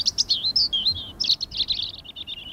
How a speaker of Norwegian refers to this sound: Fuglekvitter, og jeg føler at man kan høre varmen også. Og det var sånn mild, deilig vind som bare stryker deg på hodet.